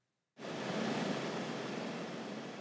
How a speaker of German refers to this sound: 15 Minuten Flug über das offene Meer. Der Hubschrauber ist wichtig, um abgelegene Leuchttürme zu erreichen, die bis heute für die Schifffahrt wichtig sind.